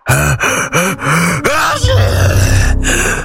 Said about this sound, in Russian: Чихнул Карабас-Барабас с таким шумом, что Пьеро отлетел налево, Орликин направо, а Буратино завертелся волчком.